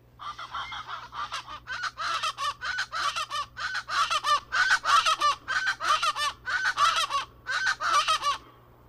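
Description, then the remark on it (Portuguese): A chorus of Aracuã guarda-faca chachalacas, birds of the family Cracidae, giving loud, raucous, repeated calls in a steady rhythm, harsh chattering phrases overlapping one another continuously for several seconds, with no talking. “Quem disse que é o Aracuã guarda-faca acertou.”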